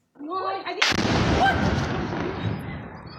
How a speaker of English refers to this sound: The RSF targeted a weapons depot, causing several powerful explosions.